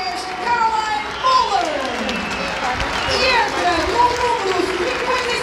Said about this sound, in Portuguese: E agora sim, a alteração nas Águias, vai sair Caroline Moller, a número 10. Vamos ouvir também os aplausos da bancada.